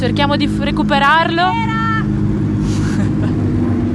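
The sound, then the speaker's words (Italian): Race car number 39 arrives, its engine droning loudly and steadily throughout, its pitch shifting as it approaches, while a voice talks over the roar for the first couple of seconds. “Adesso arriva la macchina 39.”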